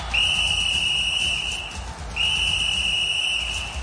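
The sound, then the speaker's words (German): A referee's whistle sounds in two long, steady shrill blasts, each held for well over a second, with a brief gap between them, over a low rumbling crowd-like background, at a football match involving the German team while Gnabry lies on the ground. “Jetzt pfeift der Schiedsrichter.”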